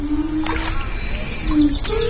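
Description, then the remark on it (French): Ceramic pieces on the ends of fishing-rod-like poles, dipped in water as a musical work, give off sustained, low ringing tones that waver and glide upward, mixed with steady splashing and sloshing of water throughout, with birds joining in. “qui ont créé une œuvre musicale à partir de céramique. Et c'est le contact avec l'eau qui donne le son.”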